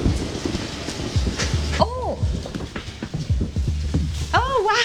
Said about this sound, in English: But unfortunately, it's raining right now. We'll see what happens.